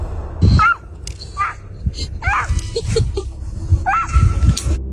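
A baby lets out a series of short, high yelping cries that sound remarkably like a small dog whimpering and yipping, several bursts with brief pauses between.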